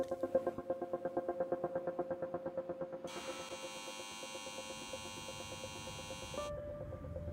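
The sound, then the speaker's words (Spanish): Steady industrial hum of turbines at a CO2-capture plant in a subalpine region of Switzerland, driven by energy from a waste incineration plant to filter CO2 from the air, pulsing rhythmically at first, then joined by a bright, high whining drone that holds for a few seconds before dropping back to a low mechanical hum. No voices. “Utiliza la energía de una planta incineradora de residuos para propulsar turbinas que filtran el CO2 del aire.”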